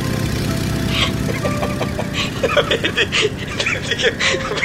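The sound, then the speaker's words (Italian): The slightly overheated engine of a single-engine Cessna propeller plane runs rough and steady, with a low droning rumble and uneven knocking throughout, and some faint voice-like sounds over it in the second half. “Credo di avere il motore un pelo surriscaldato.”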